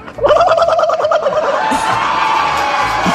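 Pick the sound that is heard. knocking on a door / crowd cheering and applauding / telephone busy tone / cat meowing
crowd cheering and applauding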